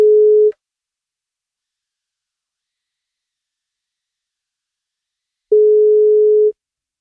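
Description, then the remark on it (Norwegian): Ringback tone of an outgoing phone call from the NFM breakfast show, calling a listener for a birthday wake-up call: a steady mid-pitched electronic beep, cut off at the start, then one full second-long ring after about five seconds of silence. Clear, no voices. “Tar han telefonen, så blir det kake.”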